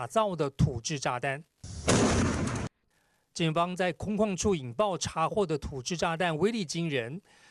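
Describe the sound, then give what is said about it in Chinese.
A single loud, booming explosion as Taiwan police detonate, in an open area, a handmade bomb seized at an underground drug factory in Yunlin. It bursts out for about a second, then cuts to silence, with a narrator's voice speaking before and after it. “警方在空旷处引爆查获的土制炸弹威力惊人。”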